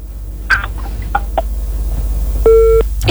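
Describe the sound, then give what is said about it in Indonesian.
A single steady electronic telephone beep, loud, holds for about a third of a second as a phone call is cut off. It is preceded by a few short faint chirps over a low background hum. No one speaks. “Kenapa nak terputus?”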